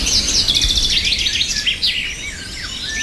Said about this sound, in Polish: A żeby się dobrze czuć, to trzeba posłuchać sobie śpiewu ptaszków na przykład. Co Państwo czują, kiedy słyszą Państwo coś takiego?